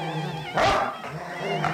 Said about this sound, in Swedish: Knurra av hundarna.